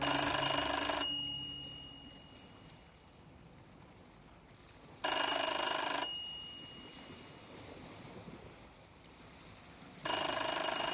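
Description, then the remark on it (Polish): An old-style telephone bell rings in three loud, one-second bursts spaced about five seconds apart, with a low rumbling, watery background hum filling the gaps between rings. “Pitschku Pöstje, klinka Telefon”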